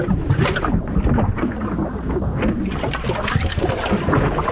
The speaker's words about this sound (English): uh-oh, is that another clogged drain?